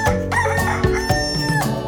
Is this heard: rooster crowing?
yes